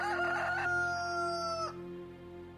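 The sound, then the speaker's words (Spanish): A single rooster crows loudly, one long drawn-out cock-a-doodle-doo lasting under two seconds, then cutting off over a faint steady low hum. “Negó Pedro otra vez, y enseguida cantó el gallo.”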